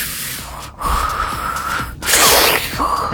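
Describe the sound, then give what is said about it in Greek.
A person imitates the sniffling snorts someone makes while sleeping, a few sharp nasal inhales and breathy snuffles in quick succession, loud, with no talking. “Ρουφάει στον ύπνο της.”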